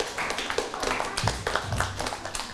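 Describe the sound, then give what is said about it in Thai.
A classroom of students claps for a classmate, many hands smacking in a dense, irregular patter that holds at a steady, moderate level for a couple of seconds with no voices over it. “ดังนั้นในการประเมินคำอธิบายของเพื่อนนี้ส่วนใหญ่แล้วจะถูกเกือบทั้งหมดเลยถูกไหมครับยอดเยี่ยมเลยดังนั้นปรบมือให้เพื่อนด้วยครับ”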